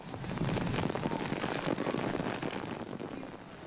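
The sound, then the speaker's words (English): Torrential rain that has been hammering Tokyo, Japan, all day pours down in a steady, dense roar of hiss and patter, holding loud and unbroken throughout with no voices. “That is torrential rain that's been hammering Tokyo all day.”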